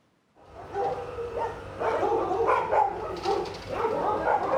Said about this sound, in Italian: Noi siamo andati in un canile Raffaele Manco, in un canile romano.